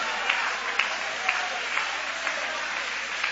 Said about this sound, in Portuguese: Tem alguém grato? Tem? Joga a mão para cima então e aplaude a Ele.